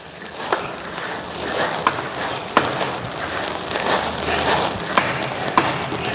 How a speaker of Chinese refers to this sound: 杀青的时候，听到这个茶青在锅里面噼里啪啦的响，就是像放鞭炮一样的冒大气了啊！